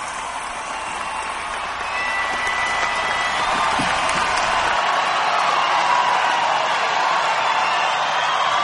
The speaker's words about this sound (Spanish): Un aplauso para Jesús de Nazaret.